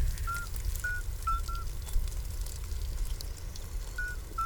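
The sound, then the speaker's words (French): A small toad sings a few short, pure whistling notes at a steady high pitch, spaced irregularly, over a soft, continuous low rumble. “Et c'est pourtant un petit crapaud qui chante.”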